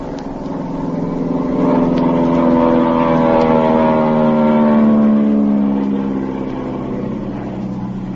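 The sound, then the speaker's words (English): A steady, droning propeller engine of a plane flying low overhead, over a boat on the ocean, roars, swelling in loudness midway and easing slightly toward the end, its pitch shifting gradually as it passes. No voices. “There's a boat off to the left. I just sighted it, Pat. I'm going to fly over them.”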